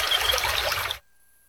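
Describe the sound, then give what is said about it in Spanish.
Water runs from a tap in a steady, close splashing rush for about a second, then cuts off abruptly into silence, as if the faucet were shut. “Cierra el grifo mientras te cepillas los dientes, repara fugas y úsala con cuidado.”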